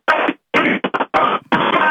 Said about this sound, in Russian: Гимн Авторадио вместо гудков, как только услышим, 3000 рублей сразу же и вручим.